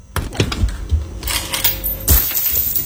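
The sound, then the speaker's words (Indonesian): A rapid clatter of coins tumbling down from the top of a refrigerator door, with sharp metallic clinks and taps scattered over a few seconds and a louder burst of jingling near the end, no voices. “Walah, siapa yang simpan uang di atas pintu kulkas? Banyaknya, kok dibiarkan gini tau ya?”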